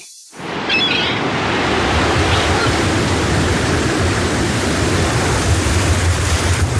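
Loud, rough rushing of winter sea surf and gusting wind on the water fills the scene without pause, a dense roaring wash that swells in after a brief moment of quiet.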